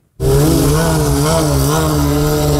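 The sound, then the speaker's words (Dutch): A loud, steady engine roar kicks in abruptly and holds, its pitch wavering up and down as the throttle is worked, like motorcycles revving at a street race in Lelystad, Netherlands, with no talking. “Vanuit heel Nederland komen motorrijders in het weekend geregeld naar Lelystad om te straatracen en driften.”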